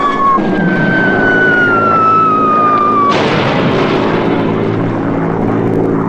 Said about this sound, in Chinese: 看不见咱们的飞机。